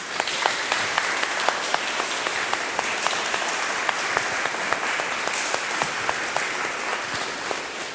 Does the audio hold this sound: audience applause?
yes